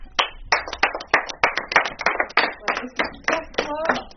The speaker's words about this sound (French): Voilà, quand il y a quelque chose de bien, qu'on se rappelle, ben, on applaudit.